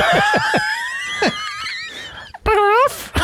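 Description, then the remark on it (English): A voice imitates a dog, making a string of high, drawn-out whimpering whines that end in a short, wavering yelp, fairly loud with no speech. “Yeah, but you were doing the dogs on the TV.”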